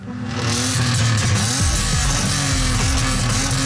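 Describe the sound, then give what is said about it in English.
A loud motorcycle engine roars, rising in pitch as it revs and then holding a harsh, throaty drone through the muffler. No one speaks. “We know that noise from mufflers can travel 1 to 2 to even 4 kilometers.”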